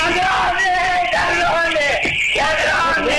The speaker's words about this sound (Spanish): Así gritaba la abuela de 82 años cuando veía que no eran empleados del Banco Nación ni amigos de su hija, sino que eran delincuentes que se habían apropiado de los dólares, de los ahorros de toda la vida.